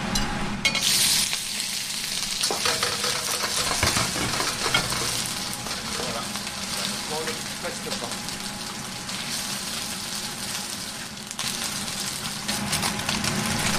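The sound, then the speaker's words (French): Food fries noisily in a hot pan, a dense, steady hiss dotted with sharp crackles and spattering pops that continue without a break for about fourteen seconds. “Allez, attention, parce que ça éclabousse le feu.”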